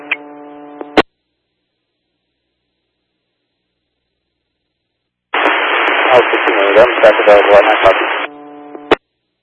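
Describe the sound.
A short radio tone, then a long silence, followed by about three seconds of harsh, crackling radio static with sharp clicks and a garbled, muffled voice buried in it, ending on another tone.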